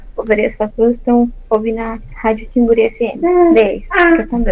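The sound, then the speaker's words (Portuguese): A baby babbles in a steady stream of high, sing-song syllables, fairly loud, with short pauses between bursts, heard through a phone line during a call. “Já está, bebê está aí conversando juntinho, que legal.”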